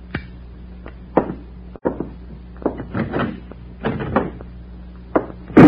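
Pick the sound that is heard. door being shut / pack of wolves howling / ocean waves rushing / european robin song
door being shut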